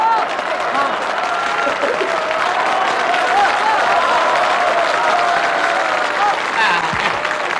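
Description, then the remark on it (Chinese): Sustained applause from a large audience fills the room, a dense steady wash of many hands clapping at even loudness for several seconds, with faint voices mixed into the crowd noise. “知道大家为什么鼓掌吗？”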